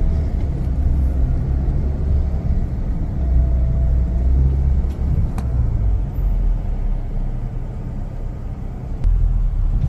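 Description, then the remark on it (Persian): Several car engines idle together in a long queue at the Pasdaran petrol station, a steady, heavy low rumble that holds for the whole stretch, fairly loud, with a few faint clicks and no one talking. “مطمئنم تا چهارا پاسداران همینطور ادامه داره، چون صبح هم همین وضعیت بود. این صف همچنان ادامه داره.”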